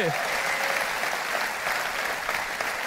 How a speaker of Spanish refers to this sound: Vamos, si le vas a dar un aplauso, dáselo más fuerte.